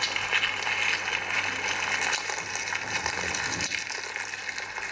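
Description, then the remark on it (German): Amplified sound of larvae feeding inside grain kernels poured into a vessel, eating away the starchy endosperm from within: a dense, continuous crackle of tiny clicks and scratches over a steady low electrical hum, with no voices. “Genau, das sind die Larven, die fressen am Getreidekorn.”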